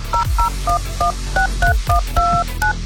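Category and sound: signal or alarm, telephone keypad dialing tones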